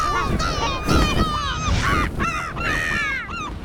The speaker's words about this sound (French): Le goéland s'élance en criant.